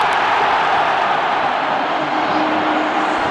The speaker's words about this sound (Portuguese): O grito da torcida veio, mas o impedimento foi pego do Flaco Lopes.